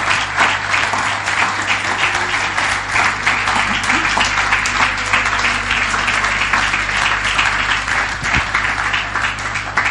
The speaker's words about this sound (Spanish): Así que dele un aplauso al Señor, porque lo vamos a hacer.